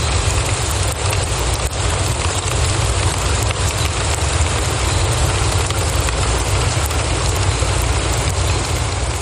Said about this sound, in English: Like this request from Miracle at Hill Correctional Center, who asked to hear the relaxing sound of rain.